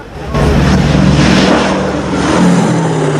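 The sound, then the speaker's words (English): Army ambulances drive off toward the runway as the planes come in to land, with a loud, steady engine roar, a low rumbling drone with a faint rising whine as they pick up speed, continuous throughout with no voices. “As the planes swoop into land, the army ambulances head for the runway.”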